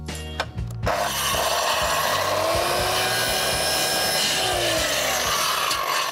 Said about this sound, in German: Wenn du noch einmal so nah an die Säge greifst, während die noch läuft, ne, dann hau ich dir in die Fresse. Da sind sofort die Finger ab. Ich habe das mit der Säge gar nicht so gefährlich irgendwie eingeschätzt